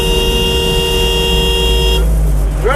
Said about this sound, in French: Ça bouchait tout de suite à l'entrée de la ville. Quoi. Les gens étaient beaucoup moins énervés à l'époque. On était dans des bouchons, bon, il y en a quelques-uns qui klaxonnaient.